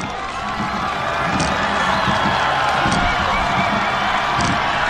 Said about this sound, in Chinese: 接近终点看台了，能听到现场主场的观众震耳欲聋的欢呼声。